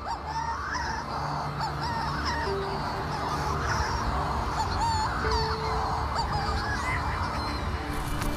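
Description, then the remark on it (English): A dense chorus of Manx shearwater calls from one of the world's biggest colonies, on the mountaintops of the island of Rum as night falls: many overlapping harsh, crooning cries rising and falling continuously, fairly loud, with no voices. “But the supernatural sounds are actually made by birds. These mountaintops hold one of the world's biggest colonies of Manx shearwaters.”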